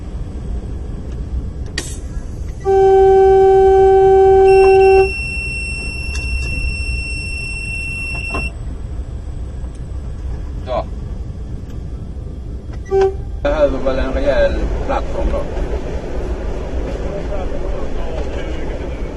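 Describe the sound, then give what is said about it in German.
A diesel locomotive's signal horn blasts once, loud and steady for about two seconds, over the constant rumble of a moving train, followed by clattering and rattling noises. “Das Signalhorn der Diesellok stört ihn offensichtlich überhaupt nicht.”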